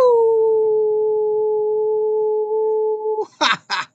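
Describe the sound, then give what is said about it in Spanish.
A person mimics a long, steady howl held at an even pitch for about three seconds, loud, then two short breathy bursts follow. The howl is sent as a thank-you greeting to the audience. “Yo les agradezco, les envío un gran mega super genial archi re contra aullido.”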